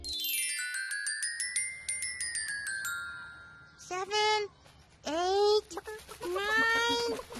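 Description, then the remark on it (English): A light tinkling jingle plays first, then three loud chicken clucks squawk out in separate bursts, each a bit longer than the last. “was sure that he heard chickens.”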